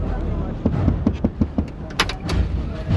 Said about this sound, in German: öffnete die Tür seines Pickups und ging langsam auf meinen Jeep zu.